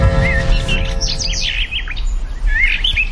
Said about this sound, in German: Irgendwann, vor unzähligen Jahren, hat ein Mensch einem Vogel beim Singen zugehört.